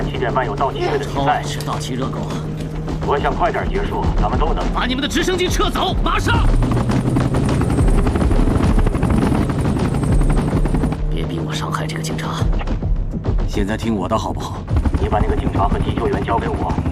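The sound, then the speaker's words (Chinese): A police helicopter hovers overhead during an LAPD hostage standoff in Los Angeles, its loud, steady rotor thrum and engine drone filling the entire scene while voices talk beneath it amid scattered sharp cracks. “听我说， 洛杉矶警局停好了， 让直升机撤走，否则别怪我对人质不客气。”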